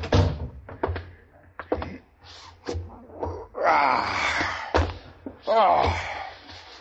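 A door is shut at army headquarters with several heavy, sharp thunks, mixed with low groaning and moaning vocal sounds and a rising wail between the knocks.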